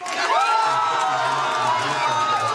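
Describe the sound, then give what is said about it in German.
A loud crowd at the AfD election party in Schwerin, Mecklenburg-Vorpommern, Germany, cheers and whoops continuously, many voices shouting together in a dense, excited roar that holds steady throughout the short stretch. “Die AfD in Schwerin auf ihrer Wahlparty im Freudenrausch.”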